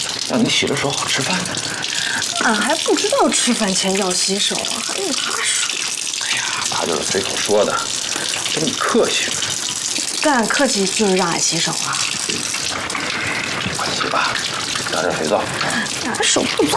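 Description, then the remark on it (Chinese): A tap runs steadily for the whole stretch, a continuous rushing splash of water as someone washes their hands before a meal, while voices talk intermittently over it. “那洗个手吧，赶紧洗手吃饭。”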